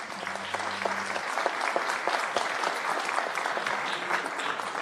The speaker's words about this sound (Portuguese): Por favor, nossos aplausos.